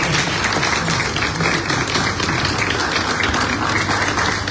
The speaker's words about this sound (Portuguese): Por isso, uma salva de palmas para vós que estáis aqui. Estáis aqui, uma salva de palmas.